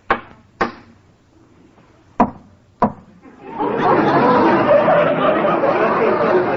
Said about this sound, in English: Well, if you don't mind, I'll smoke my pipe. What's a captain without a pipe? I'll just knock out some of this tobacco.